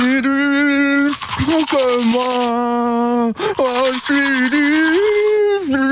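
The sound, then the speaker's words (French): Someone sings a sustained, wavering tune while brushing their teeth with a manual toothbrush, and short bursts of bristly scrubbing break through the voice. “lui il se brosse les dents tous les week-ends, la semaine aussi, avec la brosse à dents électrique, et le week-end c'est la manuelle, parce que c'est plus sympa évidemment pour chanter.”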